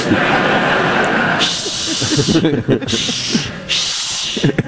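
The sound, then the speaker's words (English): People shushing: three long, loud hissing "shh" bursts in a row, each lasting about a second, over a low background murmur. “Now all I hear is shushing.”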